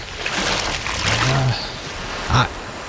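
Gentle splashing and sloshing of the brown water of the Glomma river (Vesterelva) as a toe dips into it, with a steady flowing rush throughout and a brief louder splash near the end.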